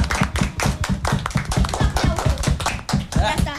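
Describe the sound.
A burst of applause in Calama for the girls' skating team, who won the national championship held there. Many hands clap in a dense, steady patter at a strong, even level, with some voices mixed in underneath.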